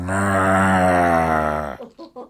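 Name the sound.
cow mooing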